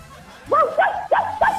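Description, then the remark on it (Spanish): A person imitates a dog barking: four short, yappy woofs in quick, evenly spaced succession, fairly loud, with no other talking alongside. “Mucho cariño, ¿cómo hace el perro?”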